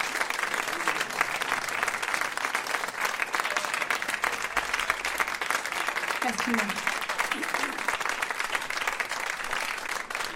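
Sustained audience applause for a performer at an evening concert, a dense, even patter of many hands clapping steadily for about ten seconds without a break, with faint murmurs of voices underneath.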